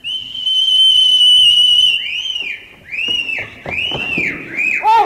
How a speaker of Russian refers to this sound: Услыхав свист, Анка оглядывается и, заложив пальцы в рот, отвечает.